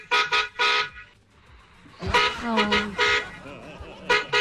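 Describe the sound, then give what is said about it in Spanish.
A car horn honks in a rapid series of short beeps, then after a brief pause blares again in longer, louder blasts mixed with more quick toots, insistent, heard in a 40-second voice message. “Ay, otro pitico.”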